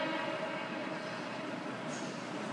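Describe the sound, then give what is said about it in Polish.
A train rumbles steadily throughout, a continuous dense roar of rolling carriages at fairly even loudness, with a brief faint high squeal near the end and no voices. “Ale przecież słychać pociąg. To jest tło.”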